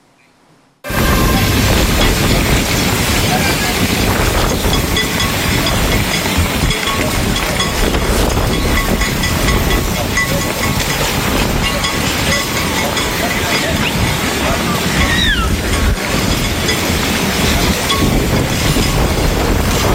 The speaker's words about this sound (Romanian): o furtună de nisip a alungat turiștii de pe plaja din Eforie Nord. Salvamarii spun că nisipul a fost ridicat în aer de vântul care a suflat cu putere dinspre mare spre uscat. Județul Constanța era la acel moment sub cod galben de vijelii.